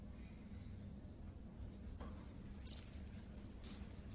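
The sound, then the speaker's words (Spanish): A man pours water onto a potted plant on a counter, heard as a few soft splashes and drips over a low, steady background hum. Quiet, with no talking. “Luego con su mano llega a la planta. Le vierte agua.”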